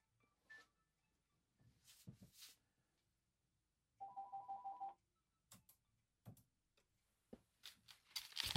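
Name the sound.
telephone ringing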